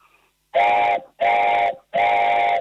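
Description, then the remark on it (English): Three loud blasts on a handmade wooden train whistle made from a single piece of pine about an inch square, each a steady breathy chord held for about half a second, separated by short pauses, with no talking. “So close your eyes, and I'm going to blow it now, and then I want you to visualize a train going in Canada around the Rockies.”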